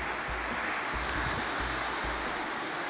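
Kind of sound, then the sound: nature, heavy rain pouring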